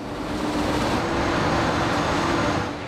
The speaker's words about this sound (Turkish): Vardiyaları tünelin katmanına ulaşmak üzere bir saat süren sarsıcı bir yolculukla başlamış oluyor. Küçük tren onları dağın 13 kilometre içine, hala çalışmakta olan Gabi 1 adlı delme makinesinin bulunduğu yere taşıyor.